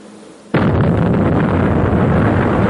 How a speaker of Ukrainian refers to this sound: Сьогодні надвечір неподалік Жвавого перекрестя в правобережному районі міста впав і вибухнув російський безпілотник камікадзе. Удар припав на майданчик між зупинкою громадського транспорту, де в цей момент стояла маршрутка і торговельні ряди.